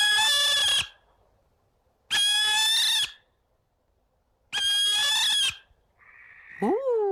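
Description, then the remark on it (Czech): A barn owl gives three loud, harsh, drawn-out calls, each under a second long and spaced by short silences, followed by a brief fainter squeak at the end. No voices. “Je to 3, 2, 1, sova.”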